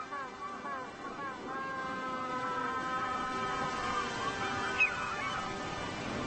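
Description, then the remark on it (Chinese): A pair of penguins, saying farewell to each other, call back and forth in loud, braying, honk-like cries that overlap and continue steadily, with a faint outdoor background and no talking. “这对企鹅正依依不舍地告别。”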